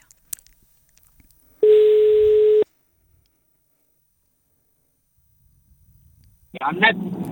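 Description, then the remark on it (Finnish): A single steady ringback tone of an outgoing live phone call sounds clearly for about a second, then a long silence follows before a voice picks up near the end. “Soitanko? No niin, tästä lähtee.”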